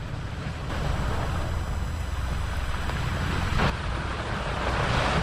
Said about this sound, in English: Oh, here come some waves now. Ooh, brr.